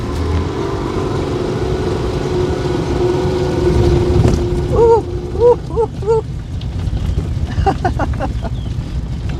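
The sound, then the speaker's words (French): Wind blows steadily outdoors during a bike ride on a fine day, a continuous low rumbling buffet across the whole stretch, with a few brief high chirping tones near the middle. “On n'a pas de chance, hein. Il fait du vent.”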